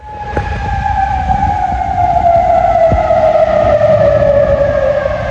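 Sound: air raid sirens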